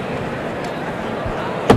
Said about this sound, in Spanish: Abierta la puerta de toriles para que salga al ruedo el tercero de la tarde. Abre esta puerta más, tío. Ahí. Ábrela más. Ahí. Puerta de toriles.